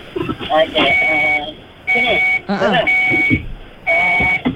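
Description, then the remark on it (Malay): A car's seatbelt warning beeps in repeated steady, high-pitched electronic tones, loud bursts of about a second with short gaps, while people talk underneath. “Awak pakai tali pinggang ke dok tu?”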